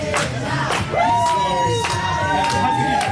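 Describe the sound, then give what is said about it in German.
A crowd of many overlapping voices chattering and calling out at once in the backstage hall of the Eurovision Song Contest, steady and loud throughout, with a few raised, drawn-out voices rising above the busy hubbub. “So klingt es beim Eurovision Song Contest Backstage.”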